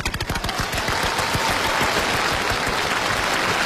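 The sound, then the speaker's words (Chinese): A crowd bursts into loud, steady applause: dense crackling claps fill the whole stretch at an even level, with no voices over them. “好，此处应该有掌声。”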